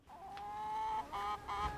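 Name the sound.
hens clucking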